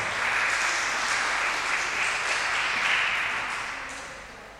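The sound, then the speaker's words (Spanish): A crowd applauds steadily for several seconds, a dense wash of many hands clapping at once that holds even, then slowly tapers near the end. “Un aplauso.”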